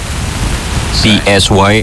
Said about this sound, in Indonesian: Ini kok ada suara hujan sih, kencang banget ya. Emang di luar hujan ya?